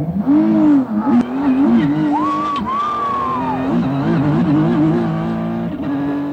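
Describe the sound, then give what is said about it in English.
A race car engine roars loud, its pitch rising and falling as it revs through gear changes, with a high whine sweeping across the middle of the run, the car going about 190 miles an hour around a street circuit in Washington, D.C. “We were just going 190 miles an hour around this track, flying past some of the most iconic sites in Washington, D.C.”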